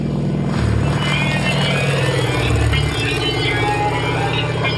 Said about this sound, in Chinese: 飞机飞到600米的高空后，追逐战开始了。